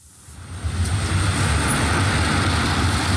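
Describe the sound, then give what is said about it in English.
Traffic on a busy main city road in Shenzhen, China swells in within the first half second and settles into a steady, fairly loud roar of passing vehicles, with a low rumble underneath and no voices. “Standing beside the main road in Shenzhen, you almost forget you're in a city of some 20 million people.”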